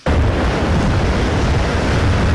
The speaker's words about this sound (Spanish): Allí con viento, con lluvia, están viviendo olas de entre 10 y 11 metros que están golpeando directamente la capital Wellington.